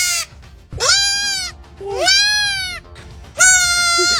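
A baby goat bleats three times in loud, wavering, high-pitched cries, each lasting about a second with short pauses between, with no talking.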